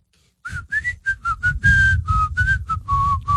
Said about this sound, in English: Whistle's a sign of happiness, but it annoys Jordan in the back room